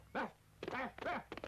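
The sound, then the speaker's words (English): A dog barks four times in quick succession, loud, each bark short with a slightly uneven rhythm and no other sounds around it. “Did he bark?”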